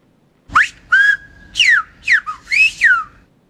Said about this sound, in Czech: Dědula našpulil pusu, vrazil si prst někam k nosu a zahvízdal.